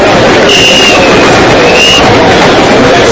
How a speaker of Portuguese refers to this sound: A estação estava cheia de gente e o trem chegava, outro trem partia e era aquela movimentação propriamente de um terminal de trem.